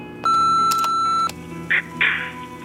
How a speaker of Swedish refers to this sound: Vi kan inte ta telefonen just nu, men lämna ett meddelande eller beställ din pizza efter pipet.